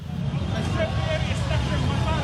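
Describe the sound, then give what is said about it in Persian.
Steady low rumble of motorcycle engines with a murmuring crowd of voices, a dense, continuous outdoor din with no clear pauses, at a midnight street demonstration by Hezbollah supporters, with flag-carrying motorcycle riders pouring into the streets in protest against the Lebanon–Israel agreement. “موتورسیکلت سواران پرچم به دست به خیابان‌ها هجوم آوردند در اعتراض به توافق دو دولت لبنان و اسرائیل در واشنگتن.”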